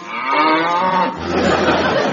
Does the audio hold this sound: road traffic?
no